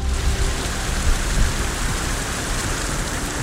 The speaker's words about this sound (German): Heute regnet es immer wieder. Da muss ich aufpassen, dass ich nicht hier gleich am Mikro einschlafe, weil ich diesen Regensound, ich finde das so entspannt.